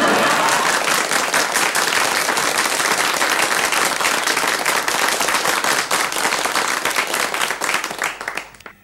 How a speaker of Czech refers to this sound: Myslím, aby se diváci nenechali mýlit tím velkým potleskem, to jsou sami mi příbuzní tady, nejen v Brně, ale v Řicmanicích a v Ivančicích.